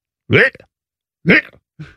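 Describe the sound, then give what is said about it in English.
A person imitates a cat retching and vomiting: three harsh, throaty gagging heaves, loud, each a short hoarse burst with pauses between, the last one shorter and weaker. “No, this is the cat. This is a cat. And I'm not talking about a little bit of cat yak.”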